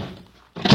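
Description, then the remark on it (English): A person stumbles going up steps to a door: after a stretch of near-quiet, a sudden loud, heavy thunk of feet and body striking wood, with a brief scuffing rumble trailing off. “Stumbled.”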